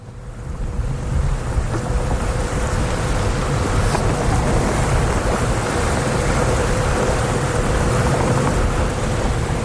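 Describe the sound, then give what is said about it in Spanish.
Steady sea ambience on the Mediterranean off the coast of Barcelona, with a continuous low rumble of a boat engine and wash of water, plus wind buffeting, sustained and fairly loud throughout with no voices. “Comenzamos en el mar, en un Mediterráneo, frente a la costa de Barcelona.”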